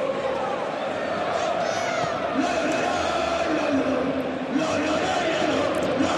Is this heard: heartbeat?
no